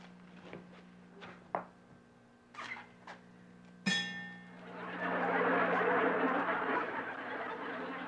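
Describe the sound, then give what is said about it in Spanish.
A toy whistle blown weakly with very little air, giving a breathy, airy hiss for about three seconds with little clear tone, preceded by a few scattered clicks and clinks. “¡Una silbatana y chuchitos!”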